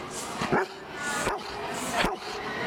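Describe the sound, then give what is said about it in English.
A dog named Rip gives three short, sharp barking yips, evenly spaced about a second apart, fairly loud over a faint steady background hiss, during a dog-training segment on 612 ABC Brisbane radio. “He probably wants to say goodbye and thanks for having me.”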